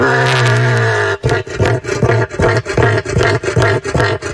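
A deep, rumbling call of a cassowary, a large, flightless bird native to Australia, opens with a sustained low booming tone, then breaks into a loud series of pulsing, throaty booms repeated in a steady rhythm.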